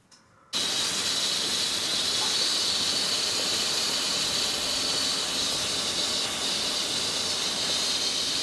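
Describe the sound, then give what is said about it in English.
A steam locomotive at a station lets off a loud, steady hiss of steam that bursts in abruptly after a brief quiet moment and roars on without pause, unaccompanied by voices. “Could be back in time, waiting for a train.”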